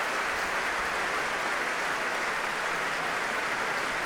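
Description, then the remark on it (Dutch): A concert audience at the Concertgebouw in Amsterdam applauds Hungarian conductor Iván Fischer, a dense wash of many hands clapping at an even, fairly loud level throughout, with no voices standing out. “En daar klinkt het applaus voor de Hongaarse dirigent.”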